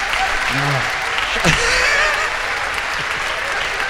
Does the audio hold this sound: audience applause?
yes